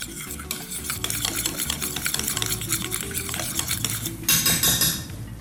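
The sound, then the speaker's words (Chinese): Steady, continuous stirring of a thick batter of crispy-fry flour and a little water in a bowl, mixed until even for deep-frying lotus root, with soft scraping and wet slapping sounds in a quick repeating rhythm, moderately loud, with no talking. “好，然后呢再加一点点的水。 好， 好，搅拌。好，搅拌均匀。”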